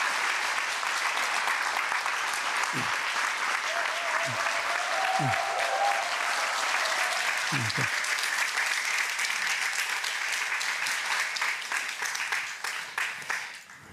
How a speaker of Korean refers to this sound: 환영의 박수 부탁드립니다.